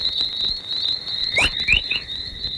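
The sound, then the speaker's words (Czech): Chorus radio waves from space, recorded by space probes near Earth and arising mostly at the edge of the Van Allen radiation belts, rendered as sound: a few quick rising, bird-like whistles over a steady high tone and a hissing static background, with no voices. “Chorus trošku připodobní k štěbetání ptáků. Signály, které vznikají většinou na hraně takzvaných Van Allenových radiačních pásů.”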